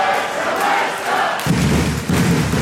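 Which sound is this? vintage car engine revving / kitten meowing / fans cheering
fans cheering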